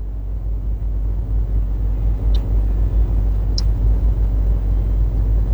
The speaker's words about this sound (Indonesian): Dapat kita saksikan bersama situasi arus lalu lintas di kawasan ini terpantau cukup lengang.